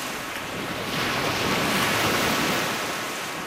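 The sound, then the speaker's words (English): Steady wind rushing over open lake water with waves lapping and washing, a broad continuous hiss that swells slightly in the middle, heard from a boat, with no voices. “Oh, it's always so nice to be out on the water.”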